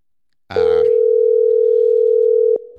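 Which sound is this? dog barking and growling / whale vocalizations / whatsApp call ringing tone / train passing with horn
whatsApp call ringing tone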